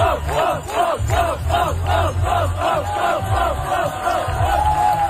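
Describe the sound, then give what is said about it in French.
A large crowd of spectators cheers on the world's best cyclists in a race near the Université de Montréal in Montreal, loudly and steadily, with many voices shouting in a quick, repeated rhythmic chant over a low roar that continues throughout. “L'engouement de la foule aussi faisait du bien à voir sur les réseaux sociaux, autant ceux qui encourageaient évidemment les meilleurs cyclistes au monde.”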